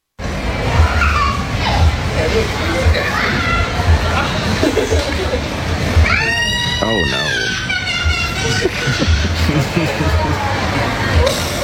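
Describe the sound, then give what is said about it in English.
A child lets out a shrill, wavering scream lasting a couple of seconds, cutting through the steady babble of a busy crowd, with people chattering before and after. “It could, I don't know, the scream could less be the furry and more just be his reaction to a man in sandals.”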